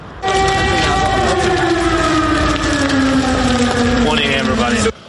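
An air raid warning siren in Kyiv, sounding as new Russian drones approached the city, wails loudly and steadily, its rich harmonic tone slowly sinking in pitch over about four and a half seconds before cutting off.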